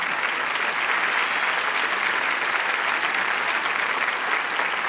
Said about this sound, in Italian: Vi lascio, continuate pure, credo che non possa che fare piacere. Non volevo interrompere l'applauso, continuate.